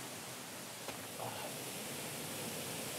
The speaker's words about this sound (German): Und hier bei diesem Grunas Wasserfall hat Instagram auf gar keinen Fall zu viel versprochen.